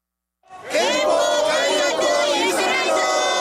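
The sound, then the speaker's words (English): A large crowd of protesters chanting together on a Tokyo street corner in Japan under pouring rain, holding drenched posters and flags reading "no war", many voices shouting in unison, loud, beginning after a brief moment of silence and continuing steadily. “Tokyo street corner under pouring rain, a crowd gathers, holding up drenched posters and flags.”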